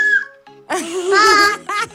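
A child whistles: a short falling tone first, then a longer wavering, breathy whistle that rises and dips, followed by one more brief burst.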